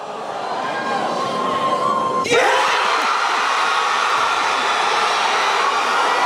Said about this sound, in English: So Angus has been in touch to say that's Marvel announcing Robert Downey Jr. as Doctor Doom for Doomsday. The cheer is the crowd going crazy. Wow, Marvel fans are like more lively than football fans.